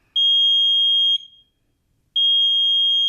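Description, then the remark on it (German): A smoke detector shrieks with a loud, piercing high-pitched tone in long bursts about a second each, separated by a brief silence, with no voices. “Ein Rauchwarnmelder schlägt Alarm, wenn er Rauch wahrnimmt.”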